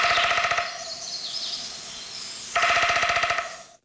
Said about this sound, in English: Okay, so as we talk about this, let's listen again a little bit to the sound of a downy woodpecker to remind ourselves how quickly they do it.